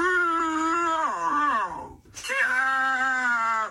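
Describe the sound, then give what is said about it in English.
An AI voice, asked to pretend to be a guard dog and bark, yells two long, loud, drawn-out cries in place of a bark. The first sags downward in pitch, and after a brief gap the second holds steady. No words are made out. “You're just yelling.”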